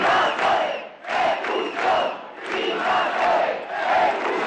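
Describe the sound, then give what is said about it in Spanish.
About five hundred protesters in Ceuta, Spain, carrying flags of Ceuta and Spain, cheer and shout in loud, surging waves after cutting traffic on their way toward Trampolín beach, many voices rising together in rhythmic bursts with brief dips between them, with no single voice standing out. “Los manifestantes, medio millar aproximadamente, con banderas de Ceuta y España y con vítores.”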